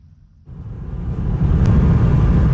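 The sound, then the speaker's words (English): A low rumble swells quickly into a steady, loud roar of road traffic on the single bridge connecting Crimea to the Russian mainland, where traffic stretches for kilometers, vehicles passing in a continuous wash of engine and tyre noise. No one speaks. “On the single bridge that connects Crimea to the Russian mainland, traffic stretches for kilometers.”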